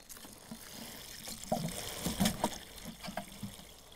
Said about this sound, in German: Damit die Heidelbeere hoffentlich wieder angeht. Gleich gießen? Ja, gieß du mal. Ganz viel Wasser drauf, hopp.